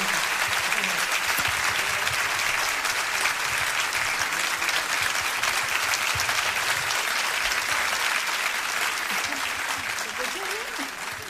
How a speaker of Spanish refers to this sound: Muchas gracias. Fuerte el aplauso.